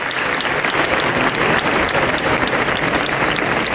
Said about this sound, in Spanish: Así se aplaudía el final de estos traslados en la mañana de ayer.